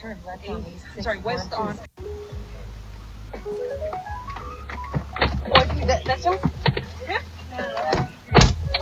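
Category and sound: vehicle, car door closing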